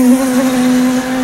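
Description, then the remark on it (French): A steady, droning buzz of a swarm of neighbourhood wasps descending on a meal holds at an even loudness for about a second, constant, with a slight wavering hum and no voices. “Et là, t'as toutes les guêpes du quartier qui déboulent.”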